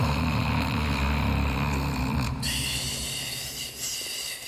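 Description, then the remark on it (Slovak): A tired hare asleep in a corner by a cave entrance snores loudly: rough snoring with a deep rumbling growl and a breathy hiss on top, carrying on steadily without a pause, with the cave's echo. “A zaspal naozaj hlboko, lebo o chvíľu už nahlas chrápal.”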